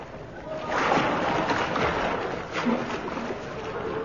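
Someone swimming through the River Thames in London on a chilly winter's night, with steady sloshing and splashing strokes that churn continuously for several seconds.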